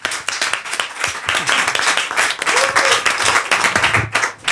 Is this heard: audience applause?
yes